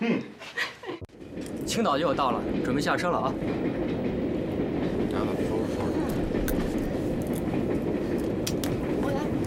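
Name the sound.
train running on rails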